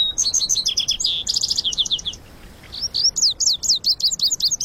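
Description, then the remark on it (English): Vesper sparrow and western meadowlark songs ring out clearly in a brushy canyon of the West, with quick runs of bright repeated notes and trills, a short pause, then a fresh series of sweet, slurred whistles. “Where the lazuli bunting sings, you'll often hear the music of vesper sparrows and western meadowlarks.”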